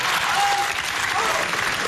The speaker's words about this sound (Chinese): 掌声接一下。